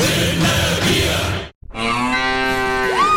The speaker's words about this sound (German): Finde eine der noch vier verbleibenden Muhenden Müllermilchflaschen und gewinne 50.000 Euro